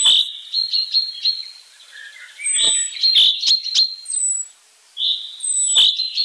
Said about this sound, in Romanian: Aproape un secol mai târziu, un ornitolog britanic a demonstrat că trilurile cintezelor din Scoția variază chiar și de la o vale la alta.